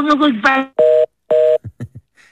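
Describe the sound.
A brief voice at the start gives way to two steady, loud electronic telephone tones, each about a quarter second long, followed by a few short clicks and blips as if dialing, as someone tries but fails to get a phone call through.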